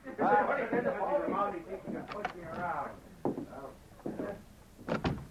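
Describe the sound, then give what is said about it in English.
A man talks, then an office door marked private is opened with a few short clunks and rattles of the latch and frame, moderately loud. “It's customary to rap on a door, especially when the door is marked private.”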